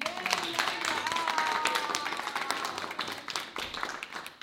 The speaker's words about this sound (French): Nous pouvons applaudir